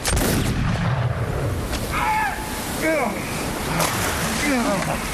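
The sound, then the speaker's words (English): A single musket shot, fired by the squire at Mr. Hands, cracks out sharply at the start, then fades into a steady wash of surf and splashing water, with muffled voices talking underneath. “I missed Hands and struck another. Give me another musket.”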